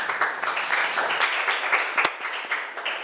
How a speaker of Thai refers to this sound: ถูกต้องค่ะปรบมือให้เพื่อนหน่อย